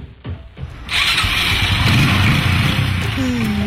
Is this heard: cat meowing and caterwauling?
no